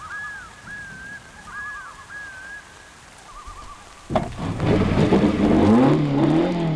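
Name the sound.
race car engine revving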